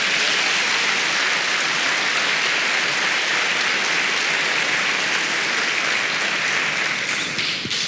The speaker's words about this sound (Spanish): Den un aplauso al Señor.